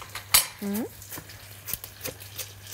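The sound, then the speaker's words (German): A knife chops chives on a cutting board in sparse, irregular taps, one sharp clack standing out, with a brief rising tonal squeak early on over a low steady hum. “Im oberen Bereich, jetzt, wo wir kein Huhn liegen hatten, schneide ich jetzt einfach ein bisschen Schnittlauch klein.”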